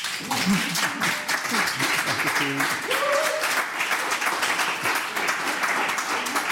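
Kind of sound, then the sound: crowd, studio audience applause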